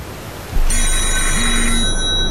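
A telephone rings loudly and continuously, its bright metallic trill starting abruptly and sustaining over a steady hiss of background noise, with no voices present.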